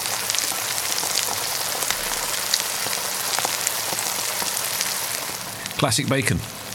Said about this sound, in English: Classic bacon frying noises.